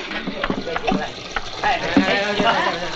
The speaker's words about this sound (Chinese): 麻烦你拿个桶先帮我接点水啊。